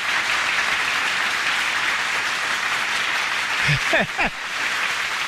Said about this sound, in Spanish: ¡Uf! ¡Una hora de aplausos!